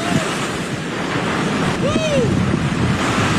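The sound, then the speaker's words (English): Loud, steady roar of surf and gusting wind during Hurricane Lowell, with a huge wave surging through midway and smashing into a reporter; a brief voice-like cry rises faintly over the rushing water. “he came close with a huge wave that smashed right into him”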